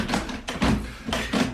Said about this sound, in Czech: Ale proč klepe na dveře? Proč si neotevře?